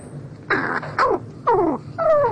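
A crow's soft courtship song: four short, throaty calls with rattly edges, each sliding downward in pitch, spaced about half a second apart, close by with no other sounds.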